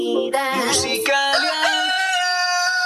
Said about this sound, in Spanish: ¿Tiene su finca un gallo fuerte y bien criado? Llegó la hora de demostrarlo.